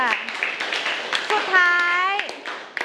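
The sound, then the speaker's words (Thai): A group of children in a classroom claps unevenly for a classmate for a few seconds, the scattered claps mixing with young voices and one drawn-out vocal cheer partway through. “อ๋อโอเคค่ะขอปรบมือเพื่อนหน่อยค่ะ”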